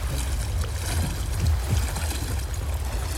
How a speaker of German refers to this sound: Halt durch, wir sind jetzt im Strudel vom Kielwasser.